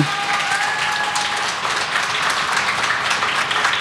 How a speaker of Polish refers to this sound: ja bym dla Kaliny też poprosił wielkie brawa